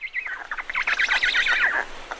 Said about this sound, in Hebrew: אבל לאט לאט נתחיל לשמוע קולות קטנים יותר. נגיד, ציוצי ציפורים.